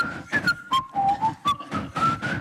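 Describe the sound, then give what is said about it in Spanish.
Someone whistles a short, steady melody from the soundtrack of the TV series Verano Azul, the notes stepping down and then climbing again, clear, over a pulsing, rhythmic backing of broader noise bursts. “Un momento de Verano Azul en el cual todo Donosti silbará.”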